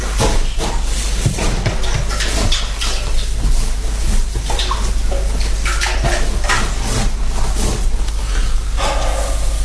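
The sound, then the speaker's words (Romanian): Water splashes and pours steadily into buckets, with occasional metallic clanks and knocks mixed into the continuous busy rush of sound. “Am găsit apă. Du căldările la bucătărie.”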